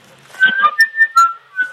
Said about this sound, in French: et on entend la mouette qui laisse des barres et crie, enfin c'est horrible. Je sais pas si vous entendez les cris de la mouette, non ?